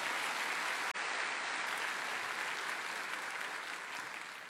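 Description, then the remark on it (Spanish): An audience applauds the Lord, clapping steadily, a dense wash of many hands blending into a continuous roar that holds level throughout and eases slightly at the end, with no voices over it. “Dale un aplauso al Señor si está entendiendo eso.”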